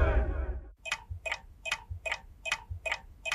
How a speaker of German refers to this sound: was tickt denn da? Eine politische Bombe?